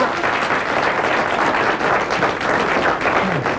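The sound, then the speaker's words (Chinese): Sustained applause from a crosstalk (xiangsheng) show audience welcoming a performer, a dense steady wash of many hands clapping at once, loud and even throughout with no voices rising above it. “只要观众当中有一位鼓掌欢迎我这。”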